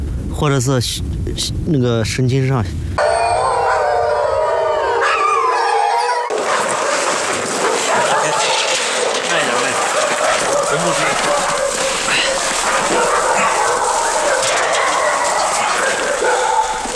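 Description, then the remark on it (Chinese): A female wolf, injured while herders drove it and still under their anaesthetic, lets out a few short, wavering howls and whimpers in the first seconds, fairly loud, before giving way to a dense, hissing rush of noise for the rest. “这是一只母狼，在牧民驱赶的过程中受了些伤。”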